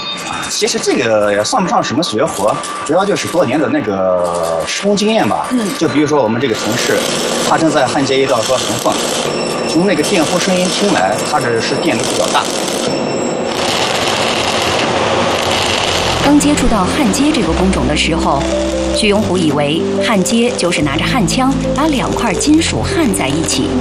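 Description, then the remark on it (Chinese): A high-current electric arc welder, used by a worker welding a seam in a machining workshop at Jinyuan Manganese (金源锰业), gives off a steady, harsh crackling buzz that runs continuously throughout, partly masked by voices talking over it. “就比如说我们这个同事，他正在焊接一道说缝缝，从那个电弧声音听来，他这是电流比较大。”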